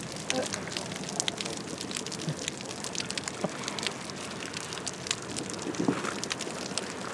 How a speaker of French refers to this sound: J'ai l'impression d'entendre la bouée. Parce qu'elle nage près de la bouée jaune et c'est comme si... De l'eau tapée sur une bouée.